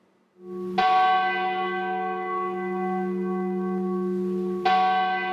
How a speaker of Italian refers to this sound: I rintocchi delle campane, 23, come i nomi delle vittime della tragedia di 10 anni fa. È il suono che spezza il silenzio nella piazza davanti alla stazione di Andria,